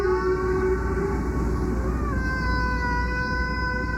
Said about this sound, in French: On sait donc qu'il y a 18 000 ans, nos ancêtres jouaient donc du coquillage. Mais cette conque n'est pas le plus vieil instrument de musique que l'on ait retrouvé, loin de là.